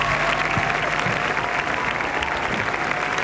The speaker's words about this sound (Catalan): així que m'agradaria fer un aplaudiment col·lectiu per tota la gent que està involucrada en aquesta feina i en tots aquests títols. Gràcies.